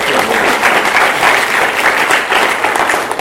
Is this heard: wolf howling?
no